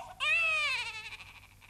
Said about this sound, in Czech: Chlapec pláče.